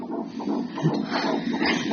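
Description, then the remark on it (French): A baby's heartbeat on a fetal Doppler, which measures blood flow between mother and baby, during an IVF pregnancy check: fast, rhythmic, normal whooshing pulses over a steady hiss, fairly loud and continuous, with no voices. “Le Doppler, ça sert à mesurer le flux sanguin entre vous et le bébé.”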